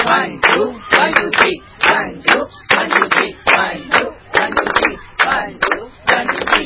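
Rhythmic hand clapping in short groups, sharp, repeating a steady one-two, one-two-three pattern throughout as a rhythmic accompaniment planned for a performance, with some voice underneath the claps.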